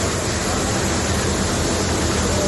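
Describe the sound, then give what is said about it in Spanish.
A loud, steady rush of pouring torrential rainwater inside the Sants train station in Barcelona, Spain, during a storm in Catalonia, a dense continuous roar like cascading rain, with no voices and no change in intensity. “Que escuchan es el sonido del agua en las instalaciones de la estación de tren de Sants, en Barcelona.”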